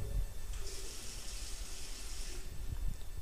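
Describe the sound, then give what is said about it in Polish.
A tap runs steadily in a bathroom for a few seconds, a bright hissing stream of water splashing into a basin, with low rumbling handling noise underneath. “Woda.”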